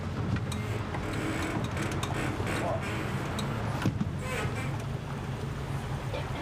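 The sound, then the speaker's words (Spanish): The engine of a tourist motorboat with room for 12 people, steered by a woman, drones steadily on Lake Vicas, a reservoir in Romania, with a constant low hum under rushing water and wind noise that never lets up. “Las lanchas a motor se consideran asunto de hombres.”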